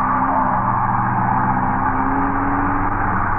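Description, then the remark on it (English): A car engine roars loudly and steadily, its pitch climbing slightly as the vehicle speeds and swerves crazily around a street corner, with no voices. “As you look up, a car with Ralph Leonard at the wheel swerves crazily around the corner.”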